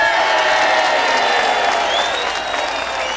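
An audience applauds a longtime member of a band in a steady, dense wash of clapping that holds at an even loudness throughout, with scattered cheers and a rising whistle partway through.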